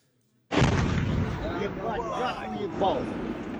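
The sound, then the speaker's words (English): After a moment of silence, a drone strike explosion erupts with a sudden loud blast as a residential building is hit in a Russian town in Tatarstan, over 1,000 kilometers from Ukraine, followed by a sustained roaring rumble as voices call out over the noise. “This is the moment a residential building was hit in a Russian town in Tatarstan, over 1,000 kilometers from Ukraine.”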